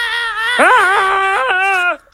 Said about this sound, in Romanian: Stai să lăsăm minionul să țipe.